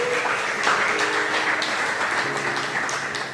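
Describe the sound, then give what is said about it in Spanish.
A church audience claps for the Lord in a steady, dense wash of applause that holds at an even loudness for a few seconds before tapering slightly, with faint tonal sounds running underneath. “Dele palmas al Señor esta tarde.”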